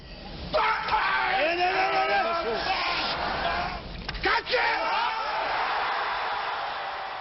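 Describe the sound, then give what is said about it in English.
A weightlifter's loud, strained effort grunt as he hoists 470 pounds over his head swells into a sustained bellowing scream, with a brief break partway through, then resumes raw and forceful, with crowd noise behind. “This weightlifter just hoisted 470 pounds right over his head. That scream he's making, it's called an effort grunt.”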